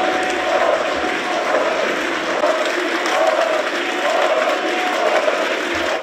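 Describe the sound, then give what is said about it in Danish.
A large crowd of Alternative für Deutschland party members in Saxony-Anhalt, Germany, chants "Uli" for party leader Ulrich Siegmund over and over in a steady, rhythmic beat, celebrating a state election result, the loud massed voices rising and falling with each repetition over a constant roar of cheering. “Han blev fejret af sine partifæller, og det gjorde han, fordi de fik 43,8% af stemmerne ved det her delstatsvalg.”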